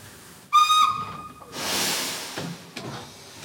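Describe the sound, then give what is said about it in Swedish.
A steam train whistle, of a train to the university city of Munich, gives one loud, sustained blast of about a second, then fades into a broad, rushing hiss of steam. No voices are heard. “Sofie sitter på tåget till universitetsstaden München.”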